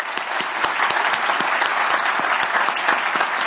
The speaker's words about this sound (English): I want to thank, if we could, give another round of applause for Assistant Secretary Basler.